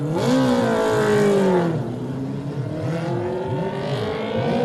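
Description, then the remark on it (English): A racing sidecar's 600 LCR Honda engine at the Isle of Man TT revs hard and climbs through the gears as it pulls away from the start, loud, its harmonic whine rising then settling into a steady high-pitched drone. “in the chair on the 600 LCR Honda”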